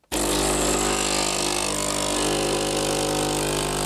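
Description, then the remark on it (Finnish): A stovetop espresso maker brewing: a loud, steady hiss with a low buzzing hum that starts abruptly and holds evenly for several seconds, with no talking. “Tämä on tyypillisen espressokeittimen ääni.”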